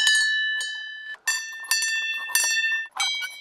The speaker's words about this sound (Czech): Na dohled od krásné vyhlídky je řada zvoniček. Každá je jiná. To má představovat zvuk a hudbu, což je zastavení věnované Karlu Horkému, rodákovi ze Štěmě, který byl významným skladatelem.